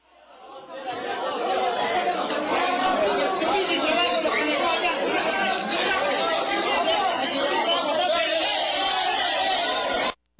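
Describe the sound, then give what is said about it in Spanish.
A tense crowd of protesters shouting, many overlapping voices merging into a loud, dense roar that swells in quickly and holds steady for about ten seconds before cutting off abruptly. “Vamos a escuchar parte del sonido ambiente tal que se dio en esos momentos de fuerte tensión.”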